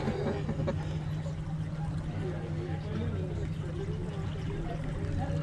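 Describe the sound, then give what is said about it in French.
A boat moving through water while trying to overtake another boat ahead: a steady low motor drone with continuous rushing, splashing water, unbroken for the whole stretch, with faint voices now and then in the background. “Bon, on va essayer de doubler le bateau devant là.”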